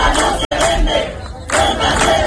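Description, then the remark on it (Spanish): A large crowd in Spain chants the slogan "Ceuta no se vende, Ceuta se defiende" in unison, loud and rhythmic, with a brief cut in the middle and a dip in energy before the voices surge again. “Ceuta no se vende, Ceuta se defiende, es el grito que esta tarde va a resonar en las calles de toda España.”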